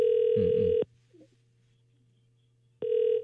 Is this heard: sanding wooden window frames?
no